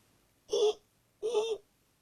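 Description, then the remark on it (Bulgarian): A person whistles two short seagull-like cries, each a wavering, slightly rising shriek lasting under half a second, separated by a brief pause. The calls are moderately loud, with no other sound around them. “А вас моля, ако чуете, че свирна като чайка, ето така.”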